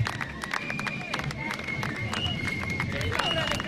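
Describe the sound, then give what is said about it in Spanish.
A crowd claps steadily as the Jaizkibel company procession arrives, a dense patter of hands over a murmur of voices, with high whistling tones threading through the applause. “Entre aplausos, como escucháis, está llegando ya la compañía Jaizkibel.”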